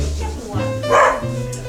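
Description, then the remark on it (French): A dog barks once, a loud bark with a yelping edge, against a steady low background hum and faint voices. “Il aboie trois fois par an, ce chien.”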